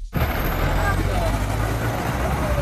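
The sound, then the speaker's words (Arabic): Busy road traffic at the Bab Diwan taxi station in the town of Fnideq rumbles steadily with heavy engine noise, suggesting trucks and buses idling and passing, while indistinct voices murmur in the background. “في محطة سيارات الأجرة في باب الديوان في مدينة الفنيدق”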